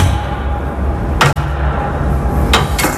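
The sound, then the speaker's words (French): A trap door giving access to the space and office beneath the Miroir d'eau is opened with a heavy metallic clunk, followed a moment later by two more sharp knocks, all over a constant rushing background noise. “Sous la trappe en caille boutique que je vais vous ouvrir maintenant.”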